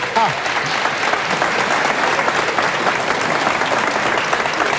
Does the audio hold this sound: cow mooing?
no